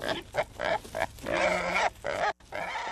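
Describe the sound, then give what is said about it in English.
Wild hogs grunt and squeal in a rapid, overlapping series of harsh, throaty bursts, loud and continuous for about three seconds with a brief gap near the end. No one speaks. “Wild hogs are destroying crops, sensitive natural areas, and lawns.”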